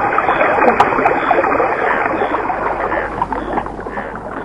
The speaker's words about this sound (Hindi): नदी में पानी बहने लगा।